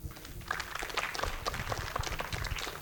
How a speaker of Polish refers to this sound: Wielkie brawa tutaj dla panów.